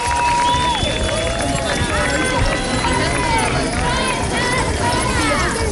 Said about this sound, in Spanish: Escucha usted, ¿verdad?, de fondo el tintineo de las llaves. Así, miles de personas han vuelto a manifestarse este domingo en decenas de ciudades para exigir a los poderes públicos medidas urgentes que protejan a los inquilinos